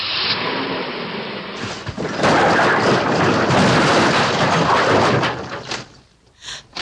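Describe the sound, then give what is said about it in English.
A car, left in high gear and pushed off, rolls off and crashes down, a loud sustained roar of grinding, tumbling metal that breaks into a few sharp closing impacts before fading to quiet. “Get out of the car, quick! Stand by, I'll have to jump. Yeah, I left it in high. Good, we can throw it right off.”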